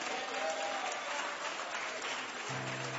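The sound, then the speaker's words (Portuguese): A church audience applauds with steady, dense clapping throughout, a continuous crackling wash of many hands, welcoming a woman to the front in praise to Jesus, with a faint low tone entering near the end. “Pode passar lá, meus queridos, vamos louvar a Deus mais uma vez com a nossa irmã que aqui está, e vamos recebê-la com aplauso bem forte para Jesus.”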